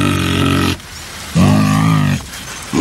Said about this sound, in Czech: Zkuste hádat, které zvíře má tenhle ten hlas. Tak pokud jste si říkali, že je to medvěd, máte pravdu, určitě máte pravdu.